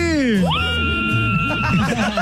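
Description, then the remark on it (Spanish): A woman who has just won tickets lets out a loud, sustained excited scream that rises sharply in pitch and holds, with a lively crowd murmuring and reacting in the background. “¡Échale ese grito fuerte,”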